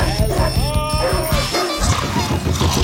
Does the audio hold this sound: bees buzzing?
no